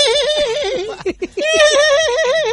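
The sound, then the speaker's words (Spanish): A loud horse-like whinny made by a robot horse, with a shaky, quavering pitch, broken midway by a few short bursts before the wavering call resumes and holds to the end. “Y le hacen como caballo, güey.”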